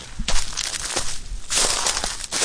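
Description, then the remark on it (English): Footsteps crunching through bone-dry grassland among blackened trees, a series of loud rustling crackles in an uneven walking rhythm, with no talking. “Crunching through bone-dry grassland,”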